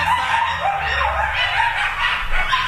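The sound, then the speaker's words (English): A coyote and at least three small pups yip and whine in a dense, continuous chorus of high, wavering cries, fairly loud, with no talking, in an abandoned development in West Hollywood. “This video shows a coyote with at least three small pups.”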